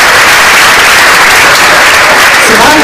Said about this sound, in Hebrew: איפה כפיים